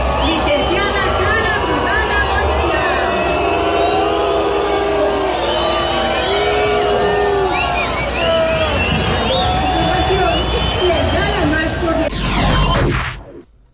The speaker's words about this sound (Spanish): No me quedó claro si fue abucheo, ¿no? Sí. Estaban diciéndole brugada. ¿Sí? Sí. No, sí fue abucheo.